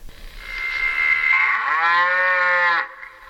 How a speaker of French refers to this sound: Et la vache.